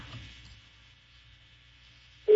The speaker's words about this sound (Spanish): Está sonando el teléfono de héroe sin capa. No contesta. No contesta, güey.